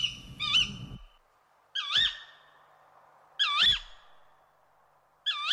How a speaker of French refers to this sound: Dès le premier alexandrin, La Fontaine nomme le hibou le chat huant, car quand le hibou chuinte, yoc, ol, hu, lamente, frou ou ulule, il sort parfois des sons qui peuvent faire penser à des miaulements.